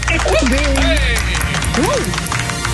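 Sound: applause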